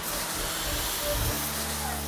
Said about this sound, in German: das zeigt auf jeden Fall Wirkung, weil da ist echt jetzt ein Wasserstrahl, der außen austritt.